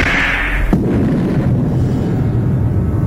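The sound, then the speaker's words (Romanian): A sudden loud thunderclap breaks in under a second, then gives way to a long, deep rolling rumble that stays heavy and steady to the end. No voices are heard. “Aud un tunet, Zeus!”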